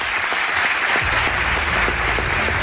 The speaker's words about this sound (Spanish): Os pido un aplauso para este señor y ahora lo presento.